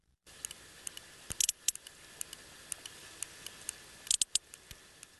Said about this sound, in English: Now, that's the sound of a sperm whale from the eastern Mediterranean, a bit pacier, closer to the other dance mecca of Ayia Napa.